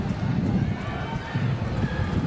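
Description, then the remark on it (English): Wind picking up and blowing from right to left at a baseball game whips across the crowd microphone, making a steady, heavy low rumble that surges and dips in gusts for the whole stretch, with faint indistinct voices murmuring underneath. “You can hear it whipping around on that crowd microphone that we've got.”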